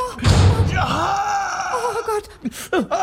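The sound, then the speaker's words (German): A door slams hard onto someone's foot with a heavy thud, immediately followed by a drawn-out pained groan and a few short whimpering cries, loud. “Dein Fuß ist noch in der Tür.”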